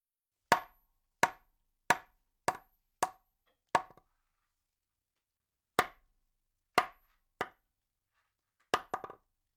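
Hard wooden knocks, sharp and hollow, in an uneven series: six quick raps, a pause, then three more spaced out and a final quick double. No voices.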